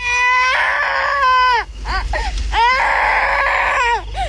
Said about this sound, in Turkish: Duydun mu? Bir çocuk ağlıyor. Evet, oradan geliyor.